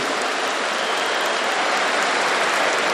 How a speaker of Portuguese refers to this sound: Vamos, mulheres, vamos aplaudir os cozinheiros. Levanta a mão.